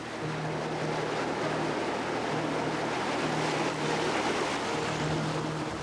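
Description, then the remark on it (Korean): Steady wash of sea water and surf at Dokgeodo island, as the tide goes out and the waves grow calmer, fills the scene at an even level, with a low motor hum pulsing underneath, like a boat idling. No one speaks. “어느새 물이 빠지고 파도가 한결 잔잔해졌습니다.”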